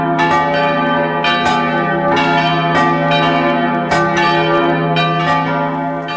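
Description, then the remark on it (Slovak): Church bells peal loudly and continuously, with repeated strikes every half second or so and a rich, sustained ringing hum between them, without any voices. “Aj vďaka zahraničným lejárom máme na Slovensku dodnes veľa vzácnych zvonov.”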